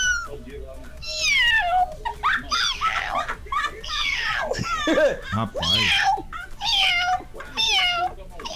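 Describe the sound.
A man's voice imitates a hoarse cat, producing a series of drawn-out, wavering meows one after another, loud, with a brief spoken word slipped in between.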